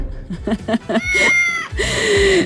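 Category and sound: animal, cat meowing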